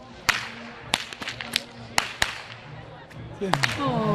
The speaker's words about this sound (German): Ja, und falls sich hier einer wundert, wer so gut mit der Peitsche knallen kann, das ist meine Tochter,